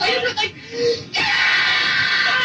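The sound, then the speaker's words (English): A girl, the speaker as a child, lets out a loud, sustained scream on a hissy old tape recording, preceded by a brief whimpering vocal sound and a short pause before the scream takes over. “That's me screaming.”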